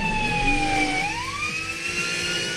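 A car engine revs hard, holding a loud, high-pitched whine that dips slightly and then climbs again, with a rough rumble underneath and no voices.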